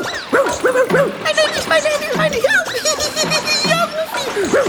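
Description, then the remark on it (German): A dog yips and barks excitedly in quick, repeated bursts, fairly loud, as it jumps into water and splashes with its paws, with some giggling mixed in throughout. “Er hüpft ins Wasser, bellt freudig und planscht mit den Pfoten.”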